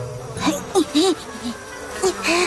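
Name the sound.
mosquitoes buzzing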